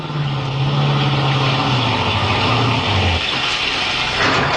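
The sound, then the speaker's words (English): A car engine rumbles steadily, its low drone dropping in pitch as the vehicle slows and pulls up behind another car, with a wash of road noise throughout; a sound effect in the radio drama Nick Carter, Master Detective, broadcast December 3, 1944. “Pull up behind that car just ahead on the left.”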